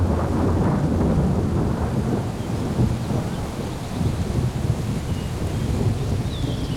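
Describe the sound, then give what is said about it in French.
A steady thunderstorm: deep, rolling thunder rumbles continuously beneath a hiss of rain, loud, with a gusty wind-like roar and no voices. “L'orage s'est déplacé au dernier moment. On n'a reçu que quelques gouttes.”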